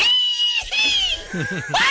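A man screams loudly on a radio show in a shrill, sustained, high-pitched wail that wavers and bends in pitch, breaking into short yelping swoops before a final rising shriek, all within a couple of seconds.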